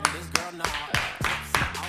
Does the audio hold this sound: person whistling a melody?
no